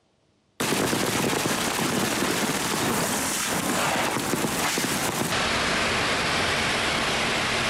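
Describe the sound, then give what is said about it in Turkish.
After a moment of silence, a sudden heavy downpour bursts in all at once at midday in Ankara: a loud, dense, crackling roar of rain that holds steady to the end, with no voices. “Ankara'da öğle saatlerinde aniden bastıran sağanak hayatı olumsuz etkiledi.”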